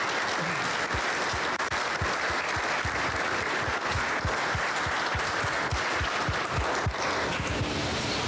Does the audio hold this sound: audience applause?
yes